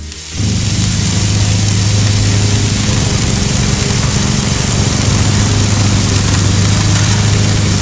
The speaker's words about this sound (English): So I'll tell you what, you know, I'll combine the two sounds here. This is basically what I was hearing. I was hearing the sizzle of the barbecue and then a lad mowing his lawn.